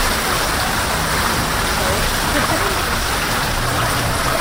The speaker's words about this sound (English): Very mysterious looking machine, like a cement bathtub. Yeah, this is a Hollander beater. This is our device to make paper pulp.